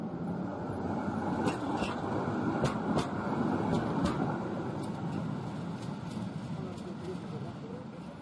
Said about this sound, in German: Bis gegen 1 Uhr in der Nacht pendelten die historischen Bahnen zur Warschauer Museumsnacht.